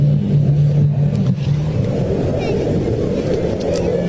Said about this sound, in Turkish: Dediğim gibi dünyanın sayılı akrobasi gösteri timlerinden yine nefes kesen, evet, bir uçağımız ayrıldı ve yukarıya bakın, inanılmaz bir çıkış yapıyor.